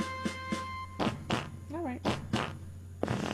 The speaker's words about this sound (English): In honor of our 250th birthday, might I have a Yankee Doodle fart?